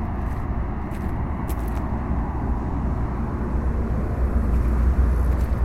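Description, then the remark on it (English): A steady, diffuse rumble of road traffic in a traffic jam fills the scene, a dense low-frequency wash of many engines with no single vehicle standing out and no voices. “It's a traffic jam.”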